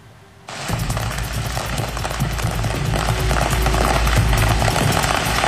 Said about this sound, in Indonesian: Kebakaran kios kembang api di Oklahoma mencuri perhatian karena ledakannya seakan membuat pertunjukan kembang api di langit.